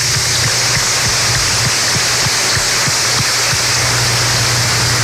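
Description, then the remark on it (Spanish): An audience applauds the priests on the feast of the holy Curé of Ars, patron of parish priests, in a loud, steady wash of many hands clapping, dense and continuous for several seconds with no voices over it. “Y hermanos, hermanas, hoy celebramos también al santo cura de Ars, el patrón de todos los párrocos, todos los sacerdotes, así que hoy celebramos también nuestra fiesta como párrocos, así que un fuerte aplauso para los sacerdotes.”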